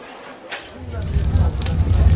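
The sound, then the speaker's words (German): A pyre fire lit by an executioner roars up and grows steadily louder as a woman burns at the stake, a deep rushing blaze with scattered sharp crackles and pops over it, fairly loud throughout. “Sieh mal, wie das Feuer lodert.”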